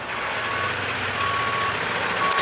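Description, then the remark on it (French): A truck's engine rumbles steadily while its reversing alarm sounds long, evenly spaced beeps, three in a row, as the driver quickly backs it out of the way of a queue forming behind it. No one speaks. “Il coupe la conversation car il doit vite dégager son camion, derrière lequel se forme déjà une file d'attente.”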